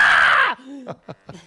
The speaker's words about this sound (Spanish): ¡Ay, cómo me encanta el grito!